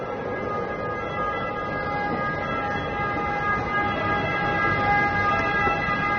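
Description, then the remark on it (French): An ambulance siren holds a steady tone over dense, rumbling traffic noise of buses and taxis in the Largo Torre Argentina square in central Rome, Italy, loud and continuous throughout, with no voices standing out. “Alors nous sommes au centre de Rome, dans cette place du Largo Torre Argentina, où il y a un bruit terrible, des bus, des ambulances, des taxis et même des perruches.”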